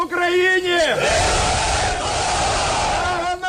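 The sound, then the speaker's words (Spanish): A crowd in Ukraine cheers and shouts loudly and continuously as a bus convoy brings home 205 prisoners of war handed over by Russia, voices rising into a sustained roar of excitement and welcome, with a few higher whoops standing out above the mass of sound. “Así se ha recibido en Ucrania los 205 prisioneros de guerra entregados por Rusia en las últimas horas, una caravana de autobuses que anunciaba los abrazos y aplausos emocionados al recibirlos de nuevo en casa.”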